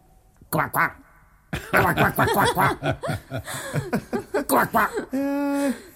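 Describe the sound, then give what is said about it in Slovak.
A voice croaks like a toad in a rapid, close series of nasal, quacking bursts, then ends on one longer, drawn-out croak. “Minister, budeš kvákať ako ropucha.”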